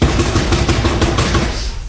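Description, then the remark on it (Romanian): Someone knocks on a door several times in a steady, even rhythm: firm, sharp raps over a constant background hum, with no voices, fading slightly toward the end. “Bate la ușa asta.”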